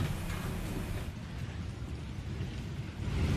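Steady, dense roar of heavy rain in Barcelona, Spain, mixed with rushing floodwater flooding the streets and pouring into metro stations, loud and continuous throughout with a deep low rumble underneath and no voices.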